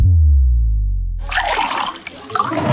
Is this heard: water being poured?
yes